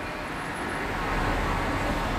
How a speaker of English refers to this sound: Cars.